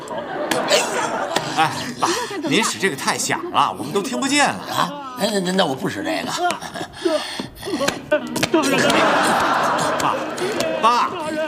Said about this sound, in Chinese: 爷爷，是爷爷在配音。 嗨，爸，您这是干嘛呢？我说怎么觉得在身边似的呢？ 我这是敲打穴位，人家微信上说了，贴完膏药之后啊。